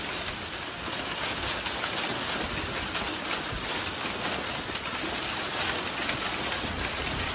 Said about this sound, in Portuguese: Olha o barulho, olha, no caso, ouça o barulho, né, das pedras de gelo.